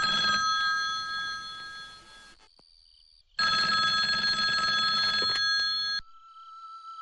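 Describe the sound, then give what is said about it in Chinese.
A telephone rings loudly with a call from the family's hometown, in two long bursts of bright, trilling bells separated by a pause of near silence, with no voices present. “老家来电话了，你来接一下。”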